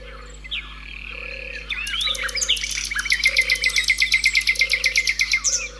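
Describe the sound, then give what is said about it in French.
A common nightingale sings from the hedge surrounding a pond, a rapid series of loud, rhythmic repeated notes building after a few whistles, with low steady croaking pulses from frogs underneath. “Allons écouter le rossignol maintenant. Il est dans la haie qui entoure l'étang.”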